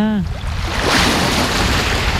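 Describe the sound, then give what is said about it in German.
Steady beach ambience at a beach in Trondheim, Norway, as the sun comes out: a broad, continuous wash of surf with a low rumble underneath as an excursion ship approaches. A brief voice is heard at the very start. “wir sind jetzt am Strand, riechen das Salz und sehen ein Schiff kommen.”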